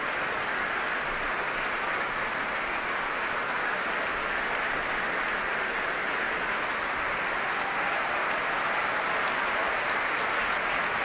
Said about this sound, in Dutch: Groot applaus ook van de muzici van het Concertgebouworkest. Voor Sejong Yin Cho. En het hele orkest mag nu gaan staan.